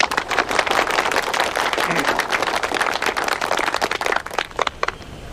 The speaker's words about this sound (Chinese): 嗯，好， 大家鼓掌。